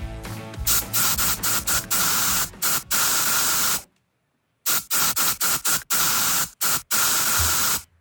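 Loud bursts of an aerosol deodorant spray can hiss in a quick rhythmic pattern of short and longer blasts, sprayed in the rhythm of a song, with one brief silent pause midway before the spraying resumes.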